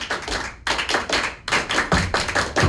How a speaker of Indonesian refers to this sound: Kali tepuk pramuka.